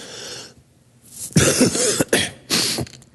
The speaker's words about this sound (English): My wife said on Wednesday when I coughed right into my mic and it just kind of blew people's ears off. I'm getting over it, and I'll be good.